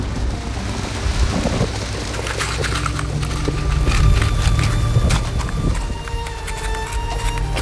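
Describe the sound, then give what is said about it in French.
Heavy rain drums against the windshield of an aircraft flying 20 metres above the Mediterranean Sea under low clouds, in a dense, irregular patter of sharp hits, layered over a steady low engine rumble that never lets up. “La pluie martèle le pare-brise.”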